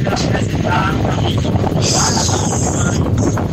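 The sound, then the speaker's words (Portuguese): Loud, steady wind buffeting the microphone over a continuous low engine rumble, as if recorded while riding a motorcycle, with a faint hiss rising briefly midway through. “Parece que ela gravou de movimento. Ou tava numa moto, alguma coisa, né?”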